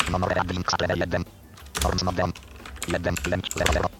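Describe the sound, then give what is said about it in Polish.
Quick clicks of typing on a computer keyboard, entering a value into software, mixed in with someone talking in short bursts over roughly four seconds. “Wpisałem to tak trudno. Klikam na przycisk set w razie czego strzałką.”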